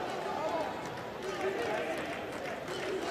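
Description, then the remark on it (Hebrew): A large stadium crowd at a Bnei Yehuda football match chants the name of player Mizrahi in unison, a loud, continuous roar of many voices rising and falling in a steady rhythm that fills the whole stretch. “קהל עכשיו קורא בשמו של מזרחי, גם הוא רוצה לראות אותו כובש.”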